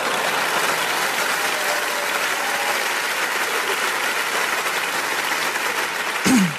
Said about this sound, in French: Ouais, applaudis, ça me fait plaisir.